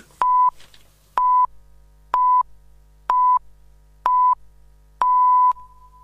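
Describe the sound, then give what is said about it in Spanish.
Six steady mid-pitched beeps of the Radio 750 hourly time signal in Buenos Aires sound about once per second, the first five short and evenly spaced, the sixth held noticeably longer, marking 11 o'clock with no voices. “Sonó el top.”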